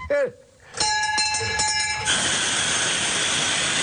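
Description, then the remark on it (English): A homemade train vehicle sounds a bright, ringing train-style bell or horn for about a second, then gives way to a loud, steady rush of running noise. “He drives his daughter to school in it.”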